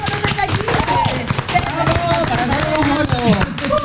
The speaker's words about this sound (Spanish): ¡Aplausos!